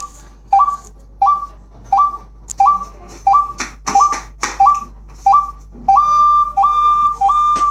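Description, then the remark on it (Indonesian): A hunter blows a bird-call flute to lure birds: a steady series of short, high whistled notes, each with a quick upward slide, repeating about once every half second. Clicks and faint background noise sit underneath. “Setelah perjanjian diucapkan, maka orang tersebut barulah meniup seruling sambil teman yang lain juga bersiap-siap untuk menghitung jumlah burung yang datang.”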